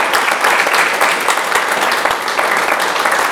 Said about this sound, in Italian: Allora, intanto un applauso.